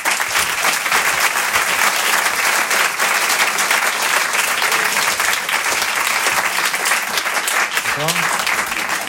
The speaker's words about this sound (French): Rire et Chanson Comedy Club. Je vous demande de l'applaudir très fort. Il s'appelle Jérémy Crédeville.